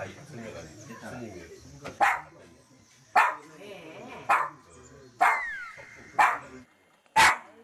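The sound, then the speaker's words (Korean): Banya, a dog at a Buddhist temple on Bukhansan, barks loudly at visitors by the dharma hall in sharp, separate bursts, about six barks spaced roughly a second apart, over a low murmur of background voices. “외모하고 다르게 너무 크게 짖어가지고 깜짝 놀랐어요.”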